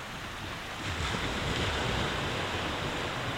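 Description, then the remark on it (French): Waves wash steadily onto the pebbles of a small cove in a dense, hissing roar that swells a little louder after the first second, with some wind noise mixed in and no voices; a storm looms on the horizon. “Mais c'est pas parce qu'elle est toute petite, cette crique, qu'on n'y est pas bien, allongée sur les galets, à scruter l'horizon, sans se soucier de l'orage qui nous guette au loin.”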